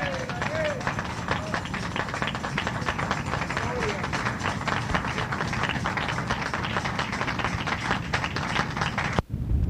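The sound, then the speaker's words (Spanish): A crowd at a religious gathering applauds God, called 'our King', loudly and steadily for about nine seconds, a dense wash of clapping with faint voices underneath, before it cuts off abruptly at the end. “Fuerte aplauso a nuestro Rey, hermanos.”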